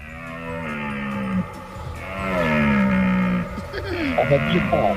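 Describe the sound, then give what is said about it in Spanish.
A deer stag bellows during the rut in loud, drawn-out, groaning roars, several calls in a row that rise and fall in pitch, with no other sounds around them. “Yo creo que es la berrea del ciervo.”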